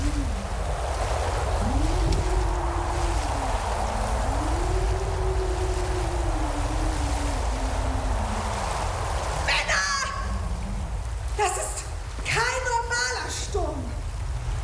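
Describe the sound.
A steady roar of stormy sea surges around a ship, with low creaking tones rising and falling, and muffled shouting voices breaking through near the end.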